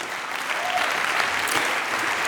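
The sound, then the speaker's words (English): An audience claps steadily, a dense, even wash of many hands with no gaps, holding a consistent loudness for a couple of seconds with no voices standing out. “Yeah, the evening or the applause after, whatever.”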